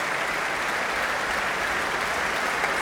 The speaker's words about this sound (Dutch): En hier een mega groot applaus. Inmiddels een staande ovatie